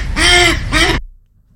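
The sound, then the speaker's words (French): A mallard duck quacks twice, loud, each call a harsh, nasal burst in quick succession, followed by silence. No voices are heard. “Non, c'est un canard colvert.”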